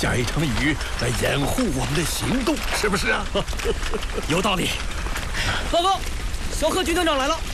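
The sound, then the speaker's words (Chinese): Steady rain, just begun falling as a group withdraws from Bijie, hisses in a continuous wash throughout, with voices talking over it in the foreground. “我们刚撤出毕节，就下雨了。”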